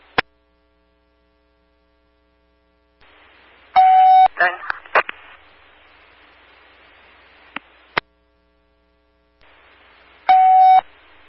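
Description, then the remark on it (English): Two loud bursts of steady, buzzy alert tones on a CENTCOM dispatch radio channel, several seconds apart, over a hiss of radio static, with sharp clicks and brief crackles between them. “CENTCOM Paul 718, you can clear tones for now.”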